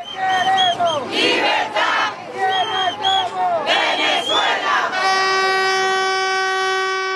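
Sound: street protest crowd chanting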